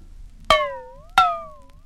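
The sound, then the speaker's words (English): Two sharp metallic clangs from a struck frying pan, about two-thirds of a second apart, each ringing on with a slowly fading, slightly wavering metallic tone. Fairly loud, with no voices. “Number 6 was a frying pan.”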